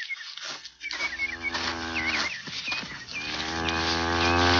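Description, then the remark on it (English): A cow, Lady Queen, with her calf hidden in a briar patch, gives two long, low, droning moos, the second swelling louder as it goes, while small birds chirp faintly in the background. “With a calf hit around, it's hard to tell what she might do.”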